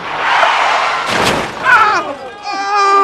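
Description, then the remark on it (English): A minibus traveling much too fast crashing into a car: a roaring rush of noise builds into a loud smashing impact, then gives way to shrill, wavering cries and a sustained high tone. “I was traveling back home on a minibus when the bus, traveling much too fast, collided with the car.”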